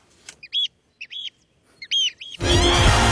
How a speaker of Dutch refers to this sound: kunnen genieten van dat vogelgeluid wat jij hier elke ochtend hoort. Nou, die kunnen we nog even mooi eronder zetten.